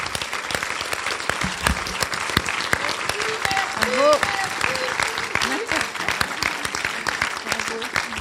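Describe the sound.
An audience claps steadily in a dense, sustained round of applause, with a few voices calling out briefly in the middle, holding at an even level throughout.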